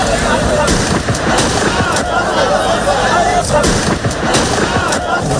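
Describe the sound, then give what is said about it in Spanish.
Several sharp gunshot cracks go off at irregular intervals in Ceuta, fired into the air rather than at a person, echoing over a constant roar of outdoor noise and indistinct crowd voices. “Estos son disparos al aire, no a la persona.”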